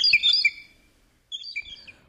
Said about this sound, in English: Those blue jays are loud.